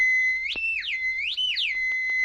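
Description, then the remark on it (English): A shrill, sustained whistled danger call sounded by Tonto to the white horse Silver, holding a steady high pitch and swooping upward and back down twice in arching glides. It is loud and unbroken, with no voices. “Sound the danger call, Tonto.”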